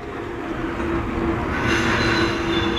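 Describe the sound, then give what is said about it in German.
An express train rumbles steadily as it pulls into Harburg station, its wheels grinding on the rails, with a thin high brake squeal rising in the second half as it slows to a stop. “Der eingefahrene D-Zug fährt weiter nach Hamburg-Altona.”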